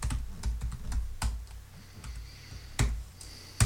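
Irregular keystrokes on a computer keyboard as a web address is typed into the Windows Internet Explorer address bar, a dozen or so sharp clicks with uneven gaps, fairly quiet, a couple of louder taps near the end, no voices.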